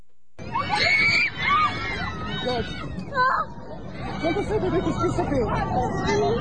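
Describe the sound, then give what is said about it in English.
A cabin full of airplane passengers in the air screaming and shrieking in panic, many voices overlapping in a loud, continuous din with sharp rising cries over a rumbling background. “Here are passengers, understandably, very, very upset in the air.”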